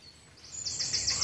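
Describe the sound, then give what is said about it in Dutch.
High-pitched, repeated chittering calls of grey heron chicks in the grey heron colony in the Amsterdamse Bos, Amsterdam, rise in a steady pulsing rhythm, growing louder over a low rumbling background, with no voices. “Er kwamen kuikens en die groeien als kool en ze maken heel veel lawaai. Luistert u maar.”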